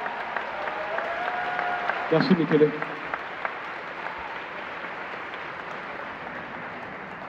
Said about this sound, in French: Applaudissez-le, s'il vous plaît. Faites un maximum de bruit pour Zéro Calcaré.